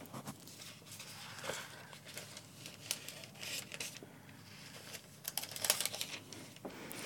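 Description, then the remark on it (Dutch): Thin pages of a Liturgy of the Hours prayer book being turned to page 1569 for the closing prayers, with soft irregular rustles, flicks and crinkles of paper over several seconds, quiet with no one speaking. “Dan gaan we in het grootgetijdboek voor de slotgebeden naar bladzijde 1569.”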